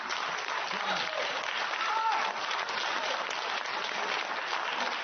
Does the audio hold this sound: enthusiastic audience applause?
yes